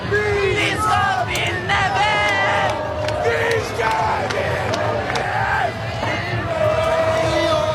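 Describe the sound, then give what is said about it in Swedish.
A huge crowd of thousands, close to a hundred thousand people, celebrates in the streets of Norway after Norway's win over Brazil: a dense roar of many voices with rising whoops, cheers and shouted chants over a constant low rumble, loud throughout. “En otrolig match, och vi kan lyssna lite på hur det lät när tusentals, närmare hundratusentals människor samlades på Norges gator.”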